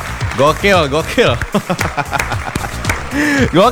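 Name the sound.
applause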